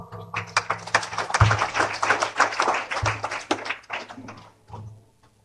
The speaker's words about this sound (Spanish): ¡Pues aplausos!